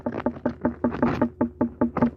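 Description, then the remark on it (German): A watermelon farmer from Upper Bavaria raps an unripe watermelon with his knuckles about a dozen times, testing its ripeness by sound. The knocks come in quick, steady succession, each short, with a dull, slightly pitched thud. No voices. “Und so hört sich jetzt eine unreife Melone an.”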